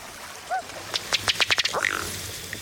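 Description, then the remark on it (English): A colorful ruddy duck, a water bird, calls with a soft rising note, then a quick, accelerating run of about seven dry ticking pops that ends in a short, croaking burp, clear over a quiet background. “Another water bird that doesn't walk very well is the colorful ruddy duck.”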